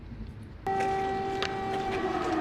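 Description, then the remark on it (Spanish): An air-raid siren in Kyiv blares in abruptly after a moment of low background noise, holding a loud, steady, slightly harmonic tone that begins to sag in pitch toward the end, sounding while the chancellor inspects damage from a Russian drone attack on the National Academy of Sciences. “Sirenas antiaéreas se escuchaban mientras el canciller Meats inspeccionaba los daños de un ataque con drones rusos contra la Academia Nacional de Ciencias en Kiev la semana pasada.”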